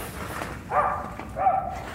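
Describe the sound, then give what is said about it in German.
A sniffer dog barks twice, each bark a short, tonal, mid-pitched burst with a brief pause between, moderately loud over a low background hiss. “Er wird weiter bellen. Okay. Holen Sie den Hund rein”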